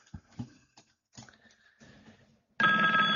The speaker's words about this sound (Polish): aha, jeszcze telefon.